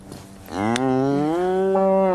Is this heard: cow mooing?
yes